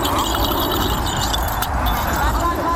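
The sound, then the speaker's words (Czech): A bell-filled ball jingles steadily throughout a blind baseball (baseball for the blind) demonstration practice, a bright metallic shimmer layered over constant low rumbling background noise and murmuring voices. “Takhle zní nácvik blind baseballu, čili baseballu pro nevidomé, a to i za přítomnosti reprezentantů v tomto sportu.”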